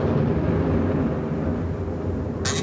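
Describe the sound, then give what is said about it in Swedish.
Thunder and lightning: a deep, steady rumble of thunder rolls on for a couple of seconds, then a sudden sharp crackling burst breaks in right at the end. No voices. “Oska och blixt.”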